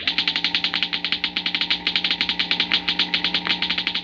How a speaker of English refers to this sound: The crackling comes from a model atom smasher, similar to large models used in treating deep-seated cancer and sterilizing foods and drugs.